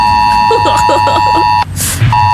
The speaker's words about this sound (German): Also ganz viele Systeme werden da getestet. Das bedeutet, dass unsere Smartphones auch ausschlagen mit diesem fiesen Ton. Okay, seid nicht sauer, ich spiele ihn ganz kurz, damit wir vorbereitet sind.